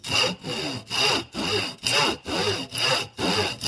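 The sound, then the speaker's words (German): A hand saw cuts through a square wooden rod, marked with a pencil line at 7 cm for a locomotive piece from building instructions, in steady back-and-forth strokes, about eight rasping passes with brief pauses between them, fairly loud with no voices. “Dann übernehme ich einfach das Sägen.”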